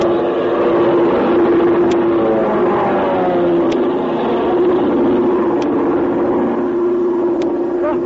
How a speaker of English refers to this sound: You can't make out what kind of a plane it's it is. It's an army plane.